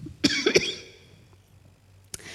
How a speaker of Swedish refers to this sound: Ska bara hosta lite först.